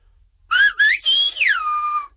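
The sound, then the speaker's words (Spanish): A clear whistle traces the speech melody of the Spanish color word "amarillo" in four gliding, syllable-like bursts, ending in a long falling tone, whistled for a listener to guess. No one talks. “algo que voy a silbar y a ver si tú lo adivinas.”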